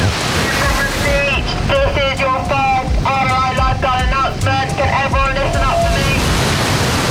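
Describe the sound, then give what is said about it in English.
Busy beach ambience on a hot day, the beach crowded with people: a steady, rushing wash of waves and wind fills the scene, with several voices chattering and calling out throughout. “Looking around, you can see pretty much everyone's had the same idea.”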